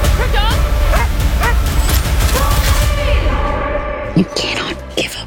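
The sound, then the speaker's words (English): Krypto, Supergirl's super-powered dog in the film Supergirl, barks and yips repeatedly amid a loud, busy mix of sharp bangs and rumbling action noise, with voices mixed in, before the commotion thins out near the end. “And if you're a dog lover, you'll find Supergirl's super-powered dog, Krypto, absolutely cute.”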